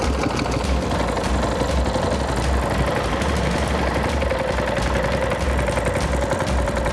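A boat engine runs loud and steady on a high river, a constant low throbbing drone with broad rushing noise over it and no voices, as the boat heads out to set fishing lines.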